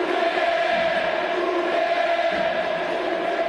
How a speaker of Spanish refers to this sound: Se tiró muy bien a su derecha, es cierto, no fue muy esquinado el remate de Barbona, pero muy bien el uruguayo que se lleva la ovación de la gente. Como otras épocas, escuchá.